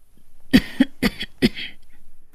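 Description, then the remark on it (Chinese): An old woman gives a short, throaty cough that breaks into three or four quick bursts, clear with no talking around it. “老妇咳嗽一声，让自己的脸部表情看上去柔和一些。”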